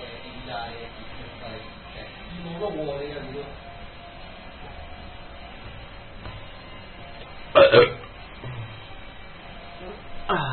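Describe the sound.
A short, loud burp erupts near the end, standing out sharply against faint, muffled voices murmuring in the background.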